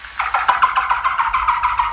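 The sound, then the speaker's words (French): A rapid series of high, squeaky chirps and chitters from a bat, repeating in a quick, steady rhythm for two seconds with no voices. “Ah, alors ça vole, oui, c'est une chauve-souris.”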